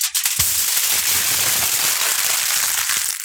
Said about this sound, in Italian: Stavo accartocciando la carta stagnola.